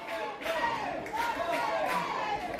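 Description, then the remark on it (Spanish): A stadium crowd of Mineros del Caribe fans at a baseball game in Estadio Jimmy Wester Palmer cheers and chants "¡sí se puede!" for a hit with the bases loaded, in a dense, steady roar of many voices, with rhythmic swells rising every second or so across the whole stretch. “La gente minera se alegra en el estadio y está pidiendo el imparable y el grito ¡sí se puede!”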